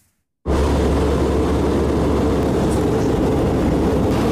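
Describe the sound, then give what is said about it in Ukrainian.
After a brief moment of silence, a loud, steady jet engine roar kicks in abruptly and holds at full strength without fading, from Swedish Gripen fighter jets escorting the presidential plane on its way to an air base in Uppsala, Sweden. “Шведські «Гріпени» супроводжують президентський літак на шляху до авіабази у місті Упсала.”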